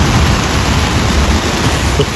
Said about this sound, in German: Das ist der Sound aus dem Zelt, ja. Also da ist gerade ein fettes Gewitter über Schäsel hinweggedonnert.